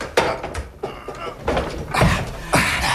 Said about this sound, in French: Et voilà l'autre porte. C'est un grand panneau. Pousse-le.